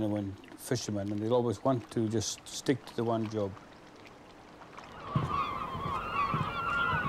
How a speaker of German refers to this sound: Weshalb umkreisen plötzlich auffällig viele Möwen das Boot? Und das, obwohl die Hummerkörbe geleert sind.